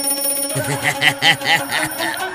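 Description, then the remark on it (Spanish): A phone ringtone chirps out a quick run of repeating melodic notes, bright and fairly loud, with no talking over it. “¿El teléfono qué, mijo?”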